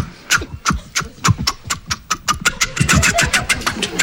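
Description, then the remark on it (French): Two voices imitate sounds, a navigator doing the siren and another person the level crossing: sharp, evenly spaced ding-like pulses repeat rapidly, about three per second, over a low wavering vocal hum, fairly loud. “Il fait la sirène, je fais le passage à niveau.”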